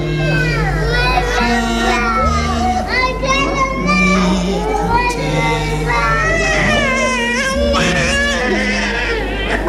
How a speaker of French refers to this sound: Moment redouté que celui de la séparation. 9h ce matin, cris, pleurs, sanglots.